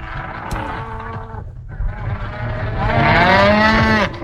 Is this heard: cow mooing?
yes